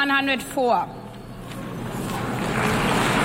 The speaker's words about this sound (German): An solchen Applaus haben wir uns beim ESC vielleicht schon gewöhnt. Aber ich meine bei der UN, ich dachte, wir haben alle gefragt, ob sie uns mögen.